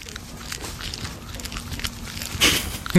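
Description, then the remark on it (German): A baby tree porcupine smacks while eating, with a microphone held to it: soft, irregular wet chewing clicks over a quiet background, with a couple of louder smacks toward the end. “Ich halte mal das Mikro dran, mal hören, ob er schmatzt.”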